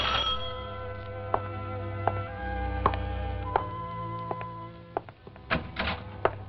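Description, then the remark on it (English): A doorbell rings in a series of sharp metallic strikes at a steady pace over a sustained, tonal ringing hum. There are no voices. “This morning, while I'm cleaning down the stairs, who do you think should ring my bell?”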